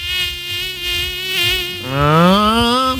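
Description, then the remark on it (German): A loud mosquito whine drones steadily, its pitch wavering and rising sharply partway through as if it swoops nearer to the ear. “pass bitte auf, nicht, dass es heute Nacht wieder”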